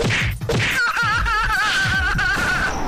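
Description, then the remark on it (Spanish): A rapid series of sharp, loud slap sound effects, one after another, with a wavering whistle-like tone running over the middle of the sequence. “si el día te tuvo a las cachetadas como chico que va al colegio?”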